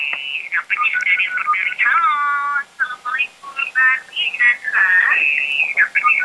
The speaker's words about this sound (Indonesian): Nampaknya sudah ada yang berdering.